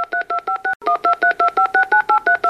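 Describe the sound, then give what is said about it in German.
A rapid run of telephone keypad tones as a phone number is dialed to reach a band: about fifteen short dual-pitched beeps in quick, even succession, loud, with a brief break near the start, no voices. “Und jetzt möchte ich doch mal versuchen, ob ich die Band erreiche und nehme doch mal das Telefon zur Hand.”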